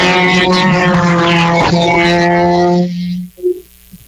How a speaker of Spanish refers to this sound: tenemos máquina, carro a la vista, el rugir de la máquina.